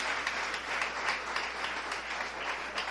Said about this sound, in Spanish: Dele un fuerte aplauso al Señor en esta hora.